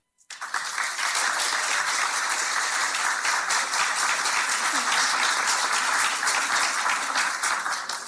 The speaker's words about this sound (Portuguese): Obrigada pelos aplausos, sem ter feito rigorosamente nada, não é?